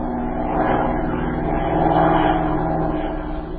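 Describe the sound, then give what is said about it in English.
A steady propeller-plane engine drones continuously and loudly, with a constant low hum and a slight swell in intensity midway, and no voices; a chartered plane crossing a border and surveying the countryside from the air. “He advised her to notify the authorities of both countries and to charter a plane, cross the border, and make a close survey of the countryside from the air.”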